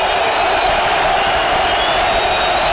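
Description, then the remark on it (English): Loud, steady roar of a stadium crowd at a Chiefs football game, including piped-in crowd noise turned up to full level, a dense wash of many voices holding an even level throughout with no single voice standing out. “A lot of crowd noise, but I think Pete piped in noise has got it up at full level here.”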